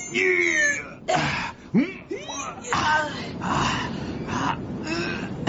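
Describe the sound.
Wolves howl in overlapping, wavering cries whose pitch slides up and down, several voices layered over a steady rushing background noise.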